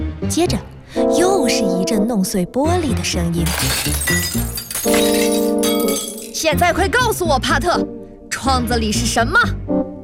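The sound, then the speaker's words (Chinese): Glass shatters and tinkles in a dense burst midway through, mixed beneath animated voices that continue around it. “接着，又是一阵弄碎玻璃的声音。”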